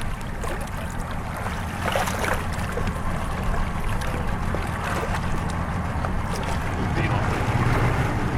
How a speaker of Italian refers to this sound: Ok, a questo punto l'imbarcazione degli operatori si avvicinerà. Io gli do una mano a puntare la barca.